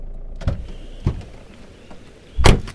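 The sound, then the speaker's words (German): A car pulls over and comes to a halt, heard from inside: a low rumble with a few dull mechanical clunks, the last one heavier and louder, and no voices. “Jetzt halt mal an.”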